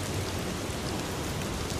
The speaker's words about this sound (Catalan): També amb el so de la pluja